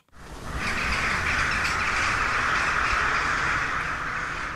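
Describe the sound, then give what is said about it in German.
Crows and other birds call outdoors in the castle garden of Husum Castle in Husum during a concert inside, their cries blending into a dense, steady wash of outdoor ambience that stays loud from start to finish with no talking. “Draußen schwirren im Schlossgarten die Krähen und stimmen auf ihre Weise in das Konzert im Husumer Schloss ein.”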